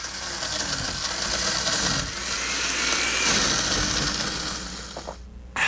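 A blender whirs steadily and loudly, grinding ice and water into a Café 1820 Frozen Cappuccino with a coarse, gritty roar that briefly dips around two seconds, then cuts off near the end before a burst of noise resumes.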